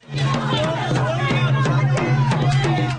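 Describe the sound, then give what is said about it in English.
A dense crowd of people protesting potential library closures in the Annapolis Valley surrounds the premier as he goes to his car on a university campus in Wolfville. Many voices overlap in a loud, continuous din, with sharp shouts and clattering bursts breaking through the steady roar. “The crowd grew larger and surrounded the premier as he went to his car.”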